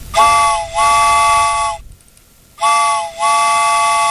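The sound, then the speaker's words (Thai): A loud train whistle sounds in two paired blasts, each pair a long chord-like hoot with a quick dip, separated by a short silent gap. No one speaks. “เพราะฉะนั้นแล้วรถไฟไปดีกว่าค่ะ”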